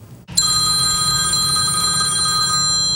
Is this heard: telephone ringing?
yes